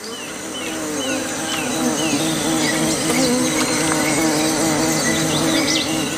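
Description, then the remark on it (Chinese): A dense, continuous drone of many bees buzzing at a small puddle on the ground where a young white-faced capuchin monkey drinks, steady and layered throughout, with faint bird chirps scattered in the background and no talking. “白脸卷尾猴幼崽冒着被蜜蜂蛰伤的风险，埋头汲取珍贵的水分。”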